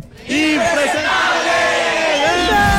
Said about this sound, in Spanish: Vamos a gritar todos impresentables. Eso. Sí. La mala para el que no grite y me hagan quedar mal. Ahí les damos. Entonces, cuando yo diga tres, todos vamos a gritar impresentables.